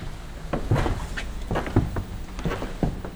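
A heavy stage door in a Dortmund theatre being opened, with a series of short clunks and knocks from the handle and latch spread over a few seconds against a low background rumble.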